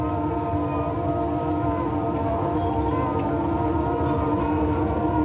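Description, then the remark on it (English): A tram rolls steadily along Blackpool Promenade at sunset, its electric motor giving a sustained tonal whine over a constant low rumble, fairly loud throughout with no voices. “A hymn to soul, or she rides the tram in different voices, or a heliochronic tram journey along Blackpool Promenade at sunset.”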